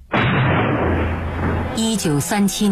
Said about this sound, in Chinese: 天边炮声隆隆，敌人来了。